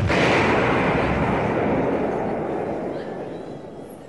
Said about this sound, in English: And explosions.